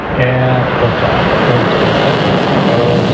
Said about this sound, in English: SpaceX successfully launching one of their Falcon 9 rockets with more Starlink satellites.